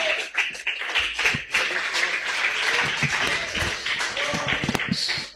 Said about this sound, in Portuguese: Vamos receber o nosso pastor com palmas de vitória, que engrandece ao nome de Jesus.